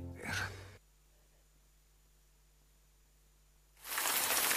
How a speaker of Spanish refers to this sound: La lluvia.